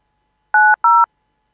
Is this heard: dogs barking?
no